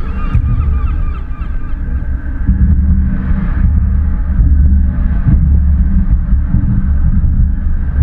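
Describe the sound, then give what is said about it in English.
Gulls cry out in a loose cluster of harsh calls over a thick, steady low rumble, with a few reedy tones of pipes and harmonica drifting through the busy outdoor din of a city centre. No one speaks. “City Centre is a concoction of pen, pipes, harmonica and seagulls, who later will congregate in a different council area along the Invergarry Bay.”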